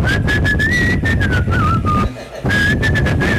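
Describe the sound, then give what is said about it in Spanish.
Someone whistles a cheerful, bouncy tune up close, the melody breaking off briefly midway before picking back up, with a steady noisy background underneath. “La gente silbaba.”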